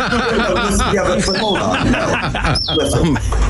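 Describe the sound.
A crank-wheel toy bird, mounted above a crank wheel on a wall, gives a few squeaky, tweeting chirps as the wheel is cranked, two sharper whistles standing out, over a dense, busy wash of voices and clatter.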